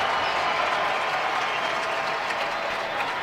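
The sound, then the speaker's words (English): A stadium crowd applauds steadily as Taylor Booth comes on as a substitute for Morgan Giavogi in the 76th minute of RSL's match against New York, a dense, even wash of clapping that holds at a constant moderate level throughout, with no speech over it. “Booth gets a nice hand from the crowd.”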